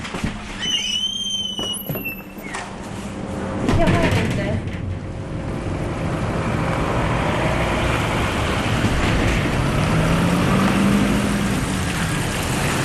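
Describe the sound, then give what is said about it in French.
Steady car engine rumble and road roar as a car drives down into a mine, heading 500 metres underground, with brief high whines near the start and faint muffled voices underneath. “Nous descendons à la mine en voiture. Nous rentrons dans la mine en voiture.”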